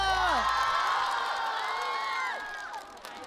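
An audience cheers loudly for a dancer, many overlapping high voices shouting and whooping in a sustained roar that eases off toward the end. Any applause is hard to pick out beneath the cheering.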